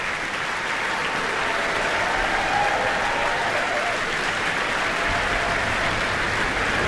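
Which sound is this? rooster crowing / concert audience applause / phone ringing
concert audience applause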